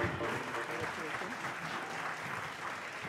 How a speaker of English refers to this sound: Americano, Mumbai. You round of applause. A huge round of applause for our winners.